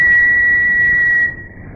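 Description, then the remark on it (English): A train whistle sounds one long, steady, high-pitched blast from a train coming up behind, wanting to overtake, cutting off after about a second, over a low rumbling background that continues afterward. “I think there's a train that wants to overtake.”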